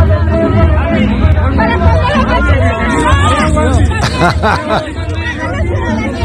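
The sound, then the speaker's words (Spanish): A large crowd at a protest march shouts and calls out together at the president of Morena and Morena gubernatorial pre-candidate Andrea Chávez, a loud, dense wall of overlapping voices that never lets up, with some higher, strained cries rising above the mass. “Bueno, vamos a seguir escuchando pedacitos de lo que pasó en la marcha.”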